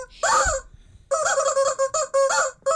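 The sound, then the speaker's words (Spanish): Roosters squawk loudly in a studio: one harsh, strained call, a brief pause, then a longer run of repeated raspy squawks with no one talking. “Tenemos unos gallos nuevos hoy que nos acompañan.”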